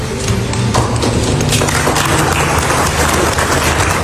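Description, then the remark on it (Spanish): Steady applause from an audience for Donald Trump after he says "This was not easy": a dense continuous wash of many hands clapping at once, loud and sustained for several seconds with no speech over it. “Esto no ha sido fácil, dice Trump y le aplauden.”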